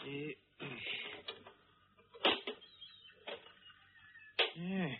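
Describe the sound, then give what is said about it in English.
A pinch bar pries open a little rusted iron box the size and shape of a brick, its lock rusted away: grinding, creaking strain broken by two sharp metallic snaps, fairly loud, with scraping in between. “There was a lock there, but it's rusted away. Hand me that pinch bar.”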